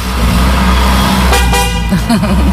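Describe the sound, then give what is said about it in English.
A BMW Z4 convertible sports car, top down, with two men aboard in sunshine, its engine rumbling steadily as it pulls away, with a couple of short horn toots sounding near the end. “This is Mark and Michael getting in a BMW Z4.”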